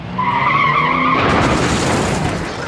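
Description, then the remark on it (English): Tires screech loudly for about a second as a car skids, then give way to a loud, noisy crash as the car hits a bus stop, rumbling and clattering until the end. No one speaks. “He runs to the car, crashed into a bus stop.”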